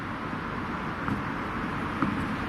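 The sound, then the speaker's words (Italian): A steady, dense wash of cars, motorbikes, buses and lorries circling a roundabout, heard from the middle of the roundabout, low engine drone blending into a continuous roar with faint brief surges as vehicles pass. “E intanto girano le auto, le moto, gli autobus e gli autocarri.”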